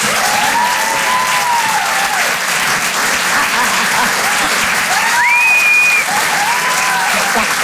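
An audience at the Rire et Chanson Comedy Club applauds to welcome comedian Karine Dubernet, steadily and loudly for the full stretch, a dense, even wash of clapping with a few rising whistles and cheers cutting through.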